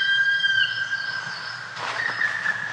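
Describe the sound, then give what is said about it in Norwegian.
A black woodpecker call: a sustained, high, whistling tone that holds steady, then a brief rougher burst near the end. No one speaks. “Skjedde det noe med deg når du hørte den svart spetten?”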